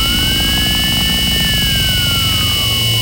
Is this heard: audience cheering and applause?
no